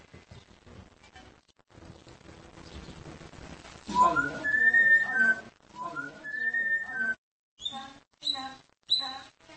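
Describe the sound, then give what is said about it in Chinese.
A veterinarian's pet parrot, after a few sips of port wine, whistles a string of shrill, sliding notes in short bursts with brief pauses between them, fairly loud, after a few seconds of quiet, muffled background noise. “兽医伊维斯和他的宠物鹦鹉每个星期五晚上都会小酌一杯波特酒，喝上几小口后，鹦鹉就会开始吹口哨。”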